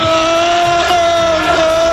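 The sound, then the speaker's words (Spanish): A large crowd of Liverpool football supporters roars and shouts at full volume as Poli Rincón takes the drumsticks of a singer's drummer on stage, a dense, sustained wall of voices with drawn-out chant-like tones holding steady throughout. “Ahí escuchamos el grito de los seguidores del Liverpool y efectivamente el Poli Rincón, que se ha hecho con las baquetas del batería de ….”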